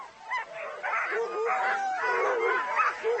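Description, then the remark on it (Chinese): Racing sled dogs, Alaskan huskies, at a well-known sled dog race in the Yukon bark and yip together, high-pitched excited yelps overlapping into a loud, unbroken chorus that never pauses across the few seconds. “刚到育空地区，他们就赶上了这里著名的雪橇犬大赛。”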